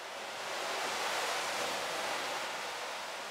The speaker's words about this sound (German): In der Trommel, die mit Orgelwind angetrieben wird, drehen sich Metallkugeln und erzeugen einen prasselnden Regenschauer.